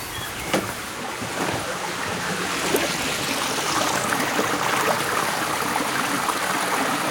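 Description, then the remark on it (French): A babbling stream in a small natural spot near a workplace, water flowing and splashing continuously with a bright, hissing rush and small gurgles, fairly loud and even throughout, no voices. “Donc d'avoir ce petit espace tout près finalement de mon lieu de travail, mais en même temps où on entend le ruisseau.”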